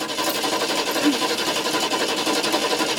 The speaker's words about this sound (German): Mandys Mutter versucht verzweifelt, das Auto zu starten.